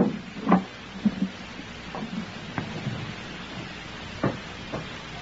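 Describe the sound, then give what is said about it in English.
A series of sharp, hollow knocks on a door, loosely spaced and uneven in rhythm, with a low steady hum underneath and no talking. “Someone at the door”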